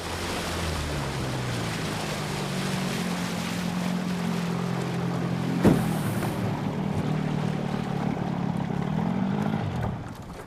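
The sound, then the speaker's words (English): A boat motor hums steadily at a low pitch over gentle water wash as the boat travels along a calm, sun-dappled river, with a brief knock midway, then the engine winds down near the end as it moors by the bank. No one speaks. “steers the boat along the calm, sun-dappled river, and they moor up by the bank.”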